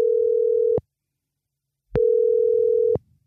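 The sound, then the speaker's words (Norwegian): A telephone ringing tone on an outgoing call placed on Friday by the P6 Rock radio station: two long, steady electronic tones separated by a short silence, clear with nothing else around them. “og på fredag så ringte jeg altså opp”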